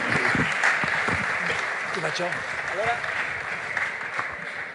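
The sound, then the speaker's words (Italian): Sustained audience applause, a dense crackling wash of many hands clapping at steady loudness for several seconds, with a few voices briefly calling out over it. “Allora, grazie, date un altro applauso, che stavo cercando di prendere l'ordine.”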